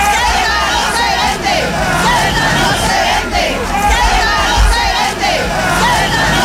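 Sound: protest crowd shouting chants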